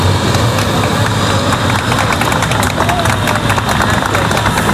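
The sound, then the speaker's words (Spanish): Neighbours in Madrid's Carabanchel district applaud outdoors on a Sunday afternoon as 14 Spanish passengers from the hantavirus-hit ship Hondius arrive at the Gómez Ulla hospital; steady dense clapping with scattered cheers, loud and continuous throughout, with some traffic noise in the background. “Llegaban este domingo, pasadas las 4:30 de la tarde, entre los aplausos de los vecinos del barrio madrileño de Carabanchel, que es donde está ubicado este centro sanitario.”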